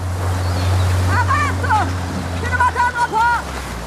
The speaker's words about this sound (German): Mit einem Motorboot nähert sich Medea dem Strand.